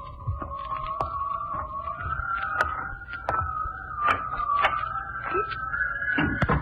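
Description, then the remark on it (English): Storm doors at the back of a house bang and clatter shut several times in an irregular series of sharp knocks, over a steady, slowly rising whine that howls continuously in the background. “I'd better close the storm doors around the back.”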